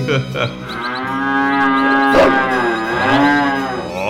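A cow moos loudly, one long drawn-out bellow that wavers in pitch, swelling and falling over about four seconds with no talking.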